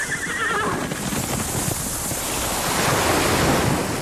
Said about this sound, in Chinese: 大海。如果有一天，这些美好的声音突然消失，为了守住这些美好的声音，热爱大自然，呵护地球家。